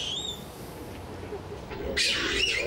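Monkeys calling at a zoo: a thin, high whistling cry at the start, then a louder, shrill squealing burst near the end, over a low murmur of background noise.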